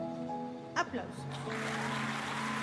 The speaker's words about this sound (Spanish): Aplausos.